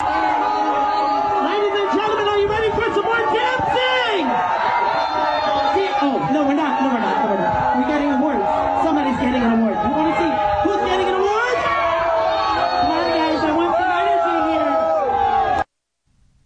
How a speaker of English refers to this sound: First of all, he went to an event with a bunch of cops in Staten Island, and I want to play this for you and get your reaction to it. Mamdani getting booed off the stage.